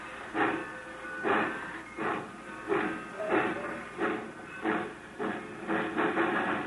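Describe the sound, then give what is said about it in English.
A steam locomotive engine chuffs and hisses in a steady rhythm, about nine broad bursts of steam in quick succession, moderately loud, with no voices. “Now when that engine turns back, move fast. Head for that platform.”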